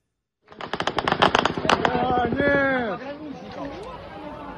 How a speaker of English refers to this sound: You see the explosion there in the background. Well, the Ukrainian government's Center for Countering Disinformation says the drone was actually shot down by Russian air defenses.